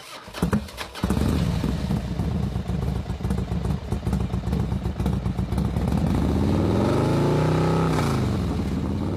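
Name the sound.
motorcycle engine revving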